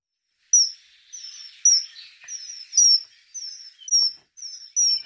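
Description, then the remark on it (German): A common kingfisher gives a series of about nine sharp, high whistles in a steady rhythm, each short and piercing, clear with no voices. “Der Pfiff des Eisvogels haben Sie hier gehört.”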